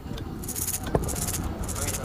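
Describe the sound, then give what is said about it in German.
A rattle, a small musical instrument with little pieces inside that knock against its walls, is shaken, giving a quick run of bright, clattering bursts, steady and jangly, over a low background rumble. “Genau, diese Rassel.”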